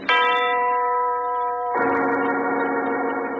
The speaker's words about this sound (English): The voice of the giant, the huge tower clock that overlooks the strange house in the country, the clock whose owner died of a heart attack 2 weeks ago.